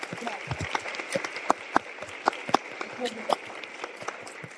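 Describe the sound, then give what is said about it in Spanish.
An audience applauds steadily for an academic speaker being introduced, a dense patter of many hands with sharper individual claps popping out irregularly, holding at an even, moderate level throughout. “Ella es académica del Centro de Investigaciones Interdisciplinarias para el Desarrollo de la Educación en la Universidad Iberoamericana, Ciudad de México, y podría seguir y seguir y seguir, pero por favor un aplauso para Ximena.”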